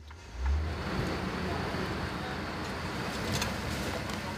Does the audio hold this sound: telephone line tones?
no